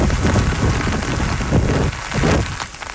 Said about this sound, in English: Typhoon Bavi is churning inland. It's bringing heavy rains and wind gusts exceeding 140 kilometers per hour.